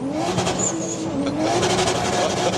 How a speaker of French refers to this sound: J'aime beaucoup le bruit de ton moteur. Ah bah ça, tout le monde l'aime bien. Ah, qu'est-ce que ça vrombit, c'est extraordinaire.